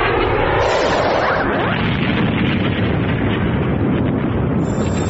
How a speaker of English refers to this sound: Pulse missile launch. Impact in 12 seconds and counting.